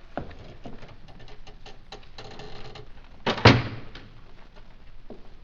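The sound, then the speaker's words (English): A door is shut on a prisoner with a single heavy thud midway through, surrounded by faint clicks, light patter and small rattling sounds. No one speaks. “The door is off. Cork up our prisoner.”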